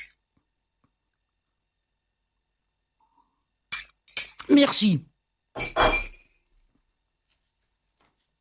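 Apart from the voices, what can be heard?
glass clinking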